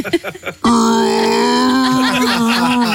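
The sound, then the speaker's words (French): After a brief moment of talking, a loud, drawn-out human yawn by Jean-Yves Le Drian while watching a speech by his successor Catherine Vautrin rises and holds steady for over two seconds, voiced, gradually wavering near the end. “Jean-Yves Le Drian a bâillé en regardant un discours de sa remplaçante Catherine Vautrin.”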